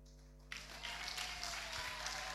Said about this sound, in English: Wow, continue clapping, continue clapping.